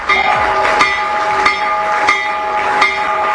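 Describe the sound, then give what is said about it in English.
A stock market opening bell, rung remotely by President Trump from the Oval Office, rings loudly, its bright sustained tone punctuated by sharp, regular strikes about every two-thirds of a second, with no voices over it. “President Trump, he rang the stock market's opening bell this morning, doing so remotely from the Oval Office, a promotion aimed at calling attention to the launch of Trump accounts giving children access to investing.”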